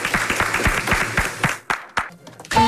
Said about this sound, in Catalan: On, bueno, doncs nosaltres aboguem un cop més per l'antiracisme, un aplaudiment